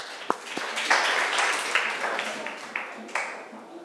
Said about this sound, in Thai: คุณครูก็ต้องขอเสียงปรบมือนะคะให้กับคลิปสาระดีน่ารู้ในวันนี้หน่อยค่ะ